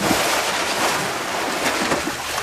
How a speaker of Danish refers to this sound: Altså lyden af sådan en dukkert. Jeg tror, jeg skal ud og have en morgenfrisk dukkert her i løbet af weekenden